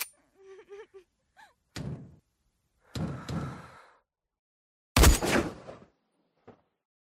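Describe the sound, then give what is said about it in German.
A door is banged and slammed repeatedly and loudly, in three or four heavy irregular blows separated by pauses, with some brief faint tonal sounds at the start. “Geh weg! Mach die Tür auf!”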